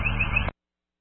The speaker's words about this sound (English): Hey, silence the alarm. If you could take your crew in and investigate. Sounds like the fire's out now.